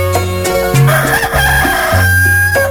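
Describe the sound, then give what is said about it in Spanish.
A loud rooster crow, as heard at 4 in the morning in Palmira, rings out in one long, drawn-out call lasting nearly three seconds, its strained tone shifting pitch in several steps, with no talking. “recordando su Palmira cuando sonaba el gallo a las 4 de la mañana y el papá ponía la emisora y salía esto, escuche pues, vea.”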